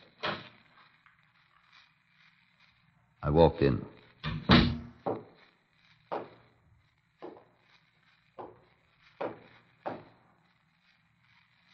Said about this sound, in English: I unlocked the door and opened it.